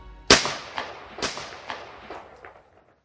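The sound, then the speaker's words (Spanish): A burst of sharp gunshots, about five or six cracks fired at uneven intervals, the first loudest and the rest slowly fading, with no voices. “Disparó y mató al general golpista Semih Terzi antes de que entrara al cuartel general”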